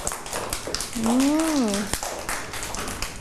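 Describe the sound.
A group of schoolchildren clap their hands for a classmate at the teacher's request, a quick, uneven patter that runs throughout, while one voice rises and falls briefly in the middle.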